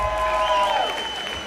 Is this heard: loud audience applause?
yes